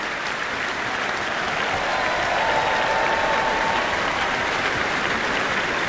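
Sustained, dense applause from a packed, standing audience at the Royal Albert Hall after a Respighi performance fills the whole stretch at a steady, loud level, with countless overlapping claps blending into a continuous roar and no pauses.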